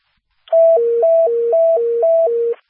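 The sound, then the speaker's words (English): Loud fire dispatch second alert tones for Lansing Township Station 52, called to Riverfront Apartments, 601 North Cedar, alternate between a higher and a lower pitch, a steady hi-lo pattern repeating about four times over two seconds, clean with no voices. “Stand by for second tones.”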